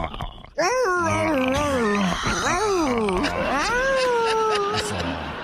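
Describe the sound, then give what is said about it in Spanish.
A person's voice imitates a dog whimpering in pain as if bitten on the neck, drawn-out whiny cries with rising and falling pitch, sustained for several seconds, loud, with background noise beneath. “antes te quiero morder el cuello y le haces así como perro, como que te duele, ¿ok?”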